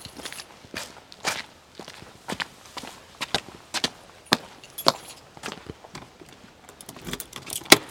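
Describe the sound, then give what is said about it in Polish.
A bunch of keys jangles and clinks at a door, with irregular bright metallic rattles and taps scattered over several seconds and no talking; a tour set of keys at the site of Poland's largest optical telescope. “Czy Pan pamięta, które klucze od które?”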